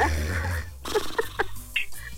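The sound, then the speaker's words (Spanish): A single rough, rattling snore rumbles low and loud for about a second, then breaks into a few short snorting puffs and clicks, with no talking. “En vez de escuchar la cazuela, escuchabas el ronquido.”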